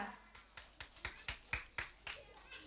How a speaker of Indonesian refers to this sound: Oke, beri tepuk tangannya yang meriah untuk Oto dan Alessia.